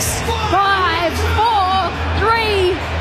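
A stadium crowd at Allianz Stadium roars steadily during the countdown to New Zealand kicking off the opening match of the 2026 Rugby League World Cup, with three loud, sweeping vocal swells rising and falling in turn like a chant or cheer over the constant background din.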